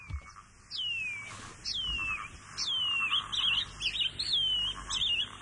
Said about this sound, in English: Wharauroa. The Shining Cuckoo.